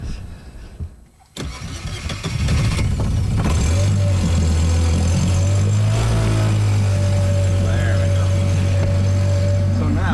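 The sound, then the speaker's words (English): A boat motor cranks briefly after a quiet moment, catches, and settles into a loud, steady drone, its pitch climbing as it revs partway through before holding steady again. “Don't make a liar out of me, Mr. Motor.”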